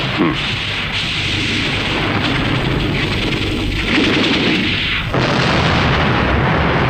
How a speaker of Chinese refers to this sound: 哎，水电站爆炸了！